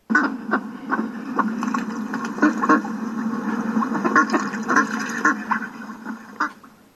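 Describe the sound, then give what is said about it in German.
A mother duck on a farm quacks over and over in quick, uneven bursts, with several calls overlapping as if a few ducks are present, steady and fairly loud for the whole stretch. “Es war einmal eine Entenmutter. Sie lebte auf einem Bauernhof.”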